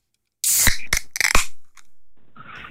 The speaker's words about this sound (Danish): Du skal bare, når jeg knapper dem op, fortælle mig, om der er øl eller sodavand i.